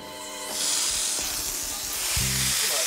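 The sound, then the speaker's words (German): A hose sprays water onto water buffaloes on their bath day, a steady, bright hiss that starts after a brief moment and keeps going, with a few low humming tones underneath. “Gib mir mal den Schlauch an.”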